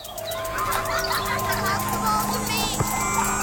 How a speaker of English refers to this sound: Ice cream truck!